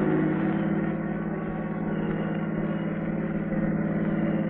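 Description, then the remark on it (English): A car engine hums steadily as the car drives over old high-crowned back roads in Connecticut, a continuous low rumble with road noise that holds even throughout, no voices or other sounds breaking through. “It's pretty hard to hold this car down in these old high-crowned roads.”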